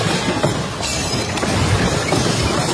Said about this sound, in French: Un double séisme si intense qu'il a été ressenti à 1000 km de là, en Colombie. Sur place, à Caracas, des scènes de chaos partout, comme à l'aéroport, ce député a filmé le plafond qui s'écroule dans un fracas.